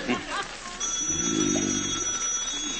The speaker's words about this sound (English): answer the phone. The telephone, answer it.